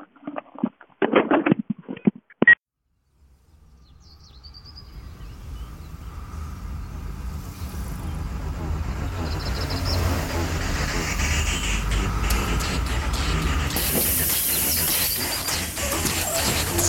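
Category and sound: vehicle, bus pulling up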